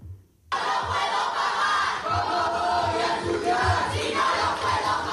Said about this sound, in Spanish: Y el acto oficial del inicio de curso de la Universidad de Sevilla, Pablo de Olavide, ha sido suspendido cuando el consejero de universidad, Jorge Paradela, fue interrumpido por abucheos de estudiantes desde el Paraninfo.